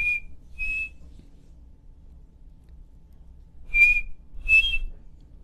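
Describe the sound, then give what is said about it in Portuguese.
A person whistles a bird call: four short, high, pure notes in two pairs, each pair a quick rising double chirp, separated by a long pause with no talking. “E eu presto muita atenção no canto dos pássaros o tempo todo que estou no sítio. E cantou agora.”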